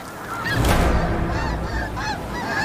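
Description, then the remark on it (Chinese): A dense chorus of snow geese honking, many overlapping nasal calls rising and falling continuously over a noisy, steady background, with no talking. “另一种保护家人的策略是聚集成群，这正是雪雁采取的策略。”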